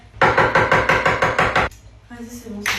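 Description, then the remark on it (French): A rapid, steady run of about nine loud, sharp hammer blows as a couple smashes makeup and a game controller, then a short voiced sound once the pounding stops. “Dans cette vidéo, le couple détruit du maquillage et une manette de console.”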